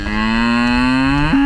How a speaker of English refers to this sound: I'm going to introduce you to my cow, Claire.